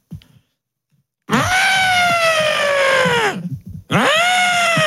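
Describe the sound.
A person trumpets like an elephant: a loud, sustained, brassy blare with rich harmonics that slides gradually downward, a brief pause, then a second trumpeting call begins.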